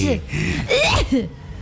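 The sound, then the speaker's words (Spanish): Someone imitates a sneeze with their voice: a quick rising inhale followed by a breathy, loud burst, then a short trailing vocal sound. “Cuando estornudas siempre haces...”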